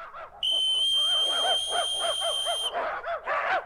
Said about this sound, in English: At the other end of this football field, there are 50 eager dogs ready to dash for the hash. Yes, when I blow this whistle, they'll come running up to these dishes of hash dog food right next to me.